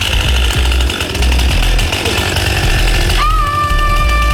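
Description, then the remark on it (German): A chainsaw roars loudly and steadily, biting into wood as a tree is felled, then its pitch jumps to a high, sustained whine near the end as the engine revs up. No one speaks. “Ja, bevor sie die Kettensäge angeschmissen hat, da wurde erstmal der Weg abgesperrt.”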